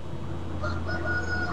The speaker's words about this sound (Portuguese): Ó, o galo bem louco pra virar um risoto, né? O cara falando em comida, faz 3 dias que estão comendo carne. Ô, galo, do nada, lá no fundo. Escutem aí, ó.